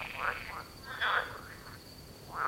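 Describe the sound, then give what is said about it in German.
Frogs in Berlin croaking in short repeated bursts, a few calls spread across the moment, not loud, with a faint steady high tone and low background rumble underneath. “Ich glaube, sie hören mich. Hören Frösche eigentlich?”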